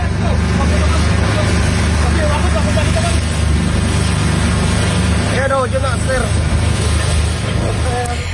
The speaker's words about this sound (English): What you can hear there are voices of the Coast Guard rescuers on their boat as they approach the burning ferry, which is engulfed in flames in the darkness 100 yards ahead of them.